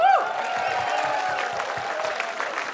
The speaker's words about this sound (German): Nämlich ein ganz, ganz großes Fest für die Vorarlberger Musik, für die neue Vorarlberger Musik, für die junge Vorarlberger Musik und vor allem für die lebendige Vorarlberger Musikszene. Ein Riesenapplaus an euch einmal. Super Publikum.